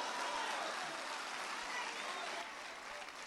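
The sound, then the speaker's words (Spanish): An audience claps steadily in applause to God the Father, a dense wash of many hands with no pauses, holding loud for about three seconds before easing slightly at the end. “Un aplauso al Padre.”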